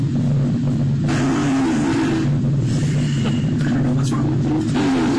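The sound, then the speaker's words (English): Repeated farting by a woman between her sentences: a loud, low, buzzy rumble that keeps going for several seconds, the bursts running together with barely any pause and shifting slightly in pitch. “No, somebody said that the farts are acting like a comma for each sentence.”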